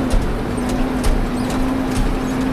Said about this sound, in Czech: Pěkně s autem jenom skáčeme v těch dírách.